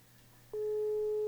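After a brief quiet hum, a steady telephone call tone switches on and holds loud and unbroken, a call to a person picked in a draw ringing unanswered to the end.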